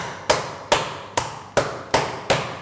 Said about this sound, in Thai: ทำไมเราถึงเอากระดาษมาเพราะว่าหลายๆท่านเนี่ยไม่มีค้อนทุบเนื้อที่บ้านนะครับถ้าไม่มีค้อนทุบเนื้อที่บ้านเอาอันนี้ลงนะครับแล้วก็หา อะไรก็ได้ที่สามารถทุบได้ใช่ไหมคะ หม้อได้เลยครับตี